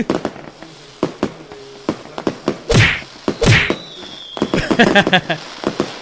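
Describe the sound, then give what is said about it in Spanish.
Firecracker rockets are set off in rapid, irregular bursts of sharp cracks and pops, with two louder booming blasts near the middle and a dense crackling string toward the end. “¿No ves que estamos tronando unos cohetes, güey?”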